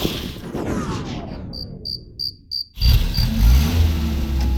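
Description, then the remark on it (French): Crickets chirp in a few short bursts, then the engine of a just-repaired car abruptly rumbles to life and keeps running steadily and loudly. “Bon, je crois que la voiture de ton papa est réparée.”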